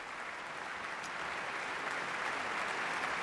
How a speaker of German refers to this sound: Und er erhält viel Applaus, großen Beifall für Kazuki Yamada.